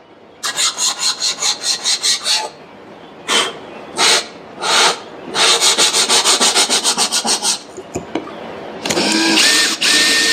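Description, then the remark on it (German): Harsh, hissing jigsaw cutting out curves from panelling during the fit-out of a white 2019 Opel Movano van, in short rhythmic bursts that stop and start, then a steadier run of rapid strokes and a final continuous rasping stretch. No voices. “Hier fangen wir jetzt an, mit der Stichsäge die Rundungen von der Verkleidung auszuschneiden.”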